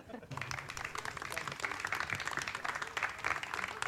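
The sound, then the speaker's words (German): An audience breaks into applause for the board members, a steady dense patter of many hands clapping that rises quickly and stays fairly loud and even throughout, with no one speaking over it. “Verdienter Applaus für den Vorstand, weil ohne euch würde das Ganze nicht funktionieren.”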